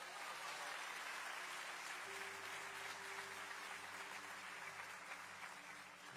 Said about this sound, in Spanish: Denle un aplauso a Dios.